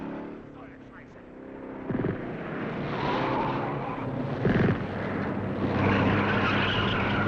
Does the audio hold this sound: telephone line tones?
no